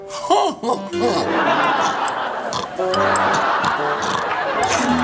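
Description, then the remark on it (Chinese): A person imitates snoring with their voice, making loud, rough nasal snorts and drawn-out rasping breaths that carry on steadily for several seconds after a few brief wavering vocal sounds. “我那呼噜声那就赶上噪音污染了”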